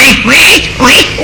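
A duckling quacks in a quick run of about three nasal, bright calls. The calls are fairly loud, with no talking around them.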